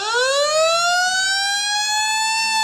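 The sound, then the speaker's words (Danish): A fire engine siren wails loudly as fire engines arrive at the town square in Svendborg, its tone sweeping steadily upward in one long rise with bright harmonics, no voices present. “I dag kan du komme helt tæt på Falk, når brandbilerne rykker ind på torvet i Svendborg.”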